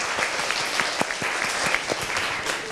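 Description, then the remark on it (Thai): A class claps together for group one in a steady, dense burst of applause, many hands overlapping into a continuous crackle with a few sharper claps standing out, and no one speaking. “โอเคดีมากขอเสียงปรบมือให้กลุ่มที่หนึ่งหน่อยค่ะ”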